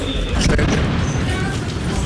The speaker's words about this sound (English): With shell-shocked locals, we take cover under an archway. There's another explosion, and we also can hear a little bit of air defense going off.